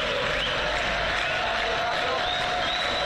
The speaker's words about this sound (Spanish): Estamos a, ¿cuánto? 50, 70 metros del ingreso a la platea acá en el Madre de Ciudades. Empiezan a sonar aplausos en el único Madre de Ciudades.